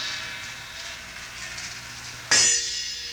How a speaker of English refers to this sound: Large gong and small gong.